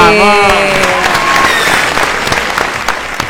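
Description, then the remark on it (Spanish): Loud applause and cheering from a crowd after the winner of cinema tickets is announced, dense clapping that stays steady throughout, with a high voice shouting over the start before the clapping carries on alone. “¡Vamos! Tremenda ovación, Qué bien.”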